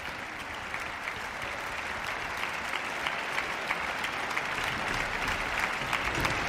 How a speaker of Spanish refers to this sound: Bueno, vamos a ver, vuelve a entrar otra vez al escenario y vuelve de nuevo a recibir los aplausos del público aquí congregado en el Palacio de Carlos V de Granada.